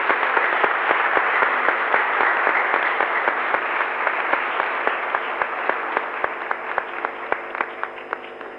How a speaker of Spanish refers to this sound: Gracias. Le damos un fuerte aplauso a los chicos.